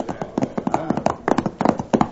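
Horse hooves clip-clop in a quick, uneven patter of sharp knocks, moderately loud, with a faint tonal hum running beneath.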